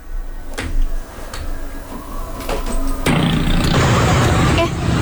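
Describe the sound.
Busy street traffic noise from a traffic jam caused by an accident: a steady rumble of idling vehicles with scattered knocks and thuds, swelling into a louder, denser engine roar partway through, with faint voices mixed in.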